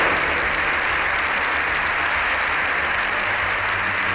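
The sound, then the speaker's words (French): Sustained, dense applause from a large crowd in a standing ovation at the Congress of Deputies, lasting more than seven minutes after a half-hour speech; a continuous wash of clapping at steady loudness with no pauses or voices standing out. “Son discours d'une demi-heure s'est achevé par plus de 7 minutes d'applaudissements.”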